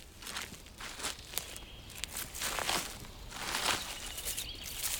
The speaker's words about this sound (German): Doch was ist, ist. Schritte sind Schritte. Und auch die werden schneller.